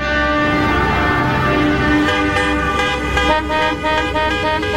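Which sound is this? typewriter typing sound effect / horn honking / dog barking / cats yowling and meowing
horn honking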